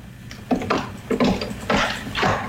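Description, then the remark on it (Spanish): Someone kicks a door because it is not being opened: about five heavy, booming wooden thuds land in an uneven rhythm, each loud and rattling, with no voices in between. “Están pateando la puerta porque no le abre.”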